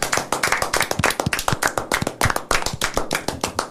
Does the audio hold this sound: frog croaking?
no